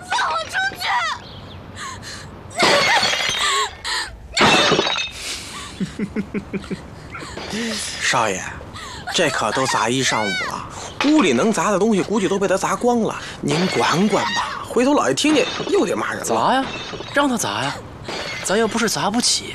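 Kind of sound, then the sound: impact, objects being smashed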